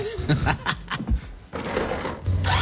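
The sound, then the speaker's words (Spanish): A battery-powered portable tire inflator runs with a rapid, rhythmic mechanical chugging that gives way to a steady, loud buzzing whir with a hissy edge. “Mira los ruidos que hace.”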